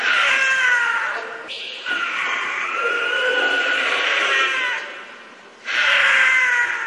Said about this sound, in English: Holy cow. Wow. That is the scream of a cougar. That's super creepy.